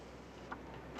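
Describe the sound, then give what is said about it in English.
A door latch clicks twice as a door is opened, a soft tick partway through followed by a sharper, louder clack at the end, against a quiet background with no voices. “Open the door.”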